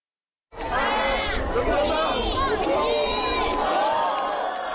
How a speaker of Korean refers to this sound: 시민들이 함께 외친 초읽기. 누리호가 연기와 화염을 내뿜으며 힘차게 날아오릅니다.